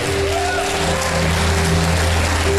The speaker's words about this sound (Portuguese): Aplauda bem forte o nome do Senhor Jesus.